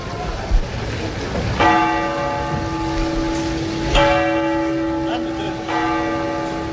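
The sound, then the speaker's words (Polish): Three resonant bell strikes from the Dubrovnik city clock tower, each ringing out with long, humming overtones that slowly fade, spaced a couple of seconds apart over a low background murmur. “Dubrovački gradski zvonik sa satom, kako ga zvaše na početku ovog našeg stoljeća i dobnik, pamti stoljeća.”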